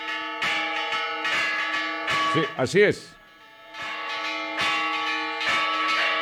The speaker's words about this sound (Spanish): Las campanas están repicando fuerte, che, fuerte. Va a haber misa por todas partes, dice.